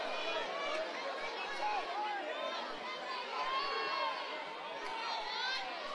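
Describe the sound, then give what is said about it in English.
A large stadium crowd at a baseball game roars and cheers steadily, a dense wash of voices and shouts sustained throughout without pause, fairly loud and continuous. “Great energy, great crowd that has filed in throughout the day.”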